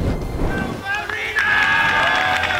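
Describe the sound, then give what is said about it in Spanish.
Teammates clap and cheer steadily throughout, welcoming footballer Mikel Merino back to training after four months injured, a dense wash of applause with some high whistles and voices rising in the second half. “Y así, con esta ovación, ha sido recibido por sus compañeros Mikel Merino, que se ha incorporado a los entrenamientos tras 4 meses lesionado.”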